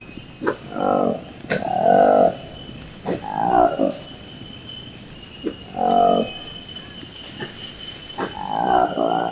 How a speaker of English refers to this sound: The roar of the Lequale monkey, an elusive character with peach-coloured lips and a black fluffy coat. It belongs to the wider group of colobus monkeys and lives in the dense tropical forests in the Democratic Republic of Congo.